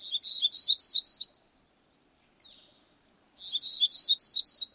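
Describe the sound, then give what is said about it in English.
A Townsend's warbler sings two loud, buzzy, high-pitched phrases of four or five rapid wheezy notes each, separated by a pause with one faint brief note, no voices present. “or Townsend's warblers that summer in British Columbia.”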